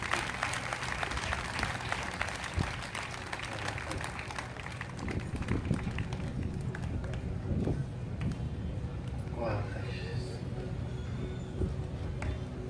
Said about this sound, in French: Applaudis mon Dieu réellement.